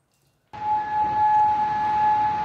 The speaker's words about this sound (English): Well, after those U.S. strikes on Iran, air raid sirens were heard in Kuwait and Bahrain. The Kuwaiti army says its defenses have been confronting missile and drone attacks.